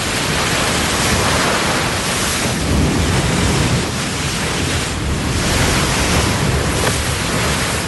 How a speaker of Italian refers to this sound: c'è mare oggi.